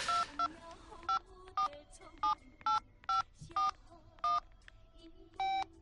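A string of about ten short touch-tone beeps as a phone number is punched into a keypad to call a rehabilitation center, spaced at an uneven, quick rhythm over a quiet background.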